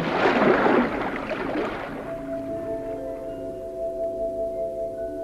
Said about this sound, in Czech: A teď se mi do cesty postavilo moře.